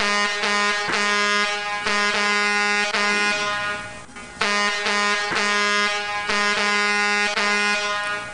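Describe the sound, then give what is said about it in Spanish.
Loud, brassy tanker truck air horns blare in a long run of repeated honks as a greeting, some held and some short, with a brief lull midway before the honking resumes. “Ay, pero saludos a los piperitos. Sí. Tocando claxon.”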